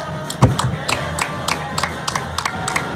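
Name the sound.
applause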